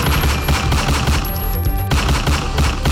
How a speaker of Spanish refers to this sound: donde un hombre fue atacado a disparos de arma de fuego en plena vía pública. La víctima, pues, recibió al menos 6 impactos de bala.